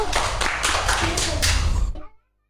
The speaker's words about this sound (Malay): Kita tepuk tangan untuk Alana dulu